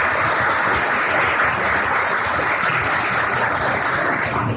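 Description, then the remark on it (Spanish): An audience gives a big round of applause, requested by the Gnostic Association for the information chief of the newspaper El Dictamen, steadily for nearly five seconds, a dense, even wash of many hands clapping at once with no voices on top and no break in the sound. “También para él pedimos un gran aplauso.”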